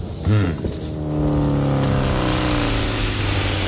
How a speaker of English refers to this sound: And then the motorbike turns up.